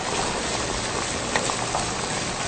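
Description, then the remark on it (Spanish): Steady, dense crackling and hiss of food frying in hot oil, continuous, with small pops scattered through it and no voices, as ground saffron and garlic with coarse salt and two bay leaves are added to it. “Sal de grano y voy a vaciarlo a lo que estoy friendo. Con 2 hojitas de laurel.”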